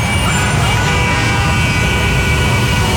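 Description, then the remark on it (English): A steady, loud rumble of congested road traffic, with idling engines and vehicle noise blending into a dense, continuous low drone that fills the whole three seconds. “A traffic jam.”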